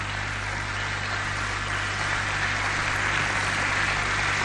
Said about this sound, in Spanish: Denle un aplauso al Señor. Apláudele fuerte al que vive.